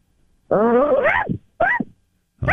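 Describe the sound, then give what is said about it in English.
A woman's voice imitates a dog barking as a requested sound effect: a long, wavering, rising yelp, then a short bark and the start of a third. Loud, with no other talk. “How about a dog bark?”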